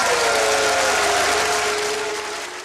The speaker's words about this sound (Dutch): Applaus en boegeroep.